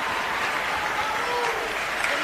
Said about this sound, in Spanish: Fuerte ese aplauso, una gran voz.